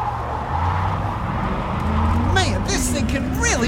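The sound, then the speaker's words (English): A red sports car's engine rumbles steadily and loudly, then its pitch swoops up and down in the final second or so as it revs hard. “But I had saved enough money to buy my red sports car.”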